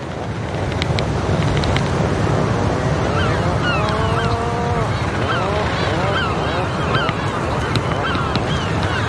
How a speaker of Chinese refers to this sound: 分别了一个冬天后，刚到的海鹰受到热情欢迎，它们相互用喙敲击并发出咕哝声示好。